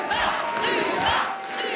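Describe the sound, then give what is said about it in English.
A large crowd at a separatist party rally in Quebec chants the party leader's name, Ruba, in unison, many voices rising together in loud, rhythmic repeated bursts over a steady roar of cheering. “They chant her name all together at one.”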